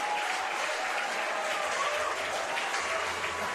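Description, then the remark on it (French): A baseball stadium crowd cheers and claps steadily for its team during a Québec versus Tri-City game in the sixth inning, a dense wash of applause and voices holding at an even, fairly loud level throughout with no break. “La foule qui a envie d'encourager les siens.”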